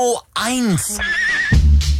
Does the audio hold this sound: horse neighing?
yes